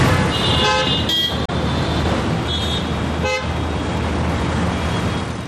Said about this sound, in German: Das war jetzt nur mal ganz normaler Alltagsverkehr, ja, ohne Stau, ohne irgendwas. Das ist das ganz Normale hier. Es ist wild und laut vor allem.